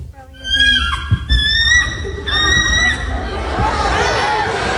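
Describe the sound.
A person lets out a loud, high, wavering screech imitating an eagle, repeated in several shrill bursts with falling pitch, while a crowd murmurs, shouts and boos underneath.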